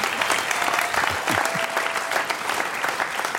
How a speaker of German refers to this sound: Bitteschön. Sende zu unserem Hannes einen kleinen Applaus.